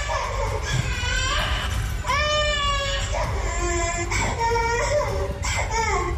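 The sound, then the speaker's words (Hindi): A young child of 2 to 3 years, locked in a toilet at a day care centre on an IT company Capgemini campus and lying on the floor, wails loudly and continuously in long, high-pitched sobbing cries with brief catches of breath between them, over a steady background noise. “Video में बच्चा toilet में बंद है, फर्श पर लेटा हुआ है और जोरों से रो रहा है।”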